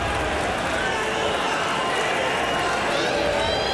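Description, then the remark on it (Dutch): A large crowd at a darts match roars steadily, a dense wall of cheering and shouting voices that holds at full volume throughout, with occasional whistles cutting through. “Het publiek wordt maar weer eens gek.”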